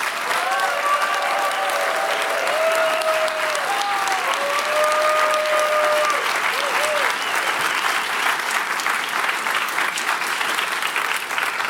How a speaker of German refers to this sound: Komm, nochmal einen Applaus bitte für unsere Sprecherin.